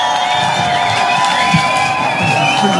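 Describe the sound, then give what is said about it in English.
A large crowd gives a massive cheer and applause for a big performing artist, cheering and whooping loudly and steadily, a dense wash of voices with high shouts rising above, and faint clapping mixed in throughout. “Can we have one massive cheer?”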